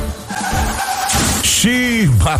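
A car's tires squeal in a long skid, followed by loud, noisy crashing impacts and a brief burst of other sharp sounds, all forceful.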